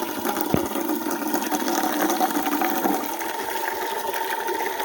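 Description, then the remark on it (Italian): Water runs steadily from a fountain, a continuous hiss and splash with a faint tonal hum underneath, holding at an even level throughout with no voices. “Adesso falla buttare un po', perché sennò è calda.”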